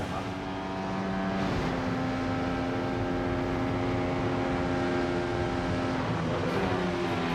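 A brand-new RB20 Formula One race car engine howls steadily at high revs while driving a single lap, its whining pitch shifting abruptly a couple of times as it changes gear, loud and continuous with no voices.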